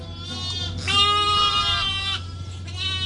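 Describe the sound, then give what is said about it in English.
Several bleats from a ewe and her three tiny lambs in a pen with a sheep grazier come in close succession, the loudest a long wavering cry in the middle, over a steady low hum from the pen. “by a pen, housing a ewe, and her 3 tiny lambs with sheep grazier,”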